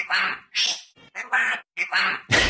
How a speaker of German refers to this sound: Okay, du glaubst, da ist so ein Papagei und der hat die ganze Zeit um Hilfe gerufen, ne?